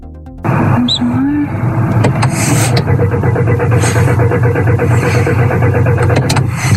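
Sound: car engine cranking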